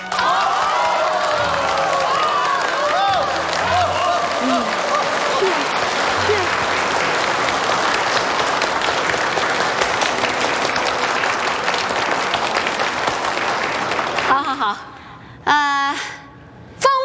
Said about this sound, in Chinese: 下面我们用最热烈的掌声欢迎他们二位新人上台。